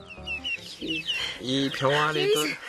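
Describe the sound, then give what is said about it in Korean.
Several Wheaten Cochin Bantam chickens cluck in quick, overlapping bursts, fairly loud and busy, with a voice mixed in among the calls. “휘튼 코친 반탐입니다.”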